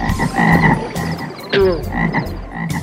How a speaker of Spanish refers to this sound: La segunda fue la invasión de las ranas.